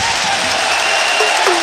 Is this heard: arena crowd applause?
yes